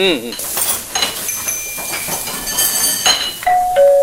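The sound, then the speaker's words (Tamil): A home calling bell rings in the Tamil radio play Pakkathu Veedu, its two steady chime notes stepping down in pitch near the end, over ongoing metallic clatter and hiss like pots and cutlery being handled in the kitchen. “என்னங்க என்னங்க, calling bell அங்க ரொம்ப நேரமா அடிச்சுக்கிட்டே இருக்குங்க, யாருன்னு பாருங்க.”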